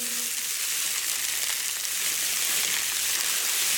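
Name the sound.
light rain falling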